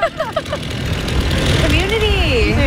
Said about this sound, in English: Then a man in sandals stepped out of a truck with a chainsaw and started bucking a tree.